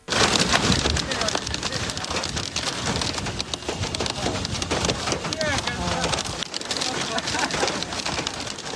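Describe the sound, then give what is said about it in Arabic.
Hailstones pelt down hard and without letup in Hadramawt, Yemen, a dense, loud clatter of countless impacts hammering a surface throughout the storm, as a huge wall of dust blocks visibility. “تحديدا هذا الفيديو الذي انتشر في اليمن من حضرموت، ويظهر في هذا الفيديو جدار ضخم من الغبار يحجب الرؤية، وحبات البرد تتساقط بكثافة كما يظهر صوتها في هذا المقطع.”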